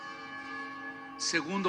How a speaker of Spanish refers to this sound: porque ya las campanas están doblando el tiempo.